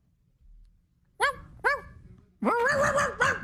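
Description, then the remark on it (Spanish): A person on a radio show imitates a barking dog for World Dog Day: two short, sharp woofs, a brief pause, then a longer, drawn-out pair of barks, loud and clear over a quiet background. “Hazle como un perro, ladra como un perro.”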